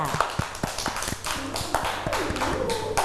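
A group of children clap together for a classmate, a burst of fairly quick, uneven claps that carries on for a few seconds over a low background hum.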